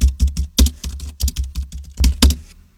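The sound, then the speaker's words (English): Typing on a computer keyboard, spelling out the words "Hello, You Muppet": a quick, uneven run of crisp clacking keystrokes with a few heavier thumps, lasting a couple of seconds with no voices. “See if you can work out what I'm typing.”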